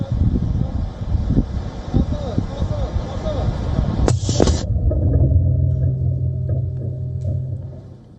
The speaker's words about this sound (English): This is Taiwan's Altius 600-meter drone.